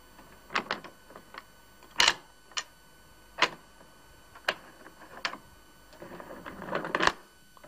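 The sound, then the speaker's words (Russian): A hand wearing a ring with a large diamond closes a peephole and six door locks on a safe-like front door inside an apartment: sharp metallic clicks and clunks spaced irregularly, ending in a brief rattling flurry and a final firm clack. No one speaks. “Та же рука закрывает глазок и 6 замков на двери.”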